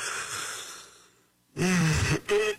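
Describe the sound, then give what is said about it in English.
A long, breathy inhale followed by a loud, drawn-out voiced yawn into the microphone, its pitch sliding downward before a brief second groan trails off. “By the way, if you're in the car right now and you're yawning, you're welcome.”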